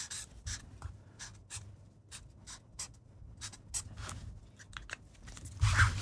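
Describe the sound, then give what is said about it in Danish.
A pen scratches across a notepad in short, quick strokes with brief pauses between them, fairly quiet, ending with a slightly louder scribble, as a grade of 7 with an upward arrow is written. “Hvis jeg giver dig en blok og en... Per, du skriver en karakter.”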